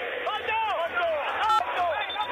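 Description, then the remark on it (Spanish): A dense crowd of River Plate fans at a football match shouts and chants continuously, many voices layered into a loud roar with rising and falling cries, and a sharp burst about midway through. “Escuchá la gente, escuchá.”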